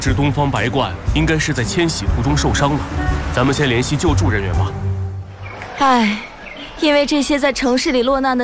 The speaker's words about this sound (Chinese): 这是白头杯，也叫白头翁。